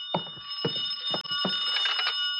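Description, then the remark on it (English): A telephone rings steadily throughout at moderate volume inside room 309, its bright bell tone unbroken, while a few dull thumps land irregularly in the foreground. “I could hear the phone ringing from somewhere inside, so I waited to see if anyone answered it.”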